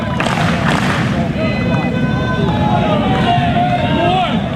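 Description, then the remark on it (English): A large crowd of Auburn Tigers baseball fans cheers and shouts continuously for a batter on a full count with two outs, a dense, loud wash of many voices with a few higher calls and whistles rising above the steady roar. “Tigers fans cheering on Bingaman, hoping for a two-strike knock.”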